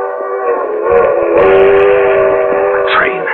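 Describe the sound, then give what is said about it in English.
A train rumbles past while its whistle blows one long, loud, steady blast, its harmonic tone holding through the rolling clatter of the cars. “If I can make that train.”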